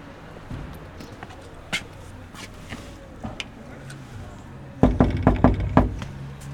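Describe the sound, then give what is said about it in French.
A door that was left ajar creaks open with scattered knocks, then a quick run of hard footsteps on a solid floor as someone enters, in Bohain-en-Vermandois, a small town north of Saint-Quentin, France. Faint background murmur throughout. “La porte est entrouverte, alors j'entre.”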